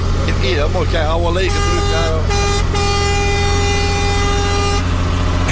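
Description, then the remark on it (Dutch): A truck air horn honks loud, starting with a few wavering bursts before settling into one long, steady multi-tone blast over a low engine rumble. “Hoor hem. Oh, geweldig, dat geluid.”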